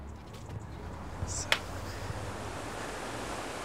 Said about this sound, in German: Auf dem Weg zur Bar liegt der Neustädter Wasserfall. Dort runter, mit ihrem aufblasbaren Kanu, zu gefährlich.